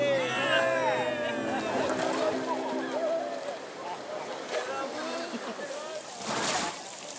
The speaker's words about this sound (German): Dieses Wildwasserfahren, Rafting, mache ich in einer internationalen Gruppe. Man meldet sich an und wird zusammengewürfelt. Meine Mitfahrer sind Holländer und Spanier. In jedem Boot sitzt ein Profi, der aufpasst, dass nichts schief geht.